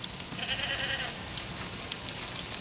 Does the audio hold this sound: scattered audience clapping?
no